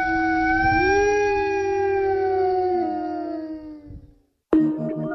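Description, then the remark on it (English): A wolf lets out one long, steady howl that rises slightly, holds, then slowly sinks and fades away. After a brief silence, an unrelated sound abruptly cuts in. “Often young wolves strike out on their own looking for another lone wolf to mate with and start their own pack.”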